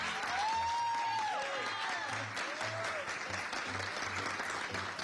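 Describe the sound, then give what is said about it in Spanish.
An audience claps loudly and steadily for about five seconds for a journalist receiving a recognition from UFU and revista Chismes y Farándula, with a few rising-and-falling whistles cutting through and a faint regular low pulse underneath. “¡Fuerte el aplauso!”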